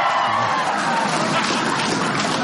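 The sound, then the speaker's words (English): An audience breaks into steady applause mixed with cheering and crowd noise, answering a survey by applause on who wants to be in bed by 11:30; a dense, loud wash of clapping that holds evenly for a couple of seconds with no speech over it. “And how many want to be in bed by 11:30 by a round?”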